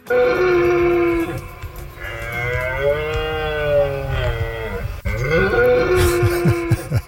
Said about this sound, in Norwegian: For sånn kommer det til å høres ut rundt omkring i norske skoger fremgjørende, for nå skal hjorten ut og brøle.